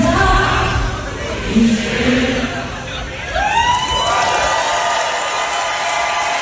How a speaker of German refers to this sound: Ein gerechtfertigter Applaus für das letzte Sommer Open Air in diesem Jahr.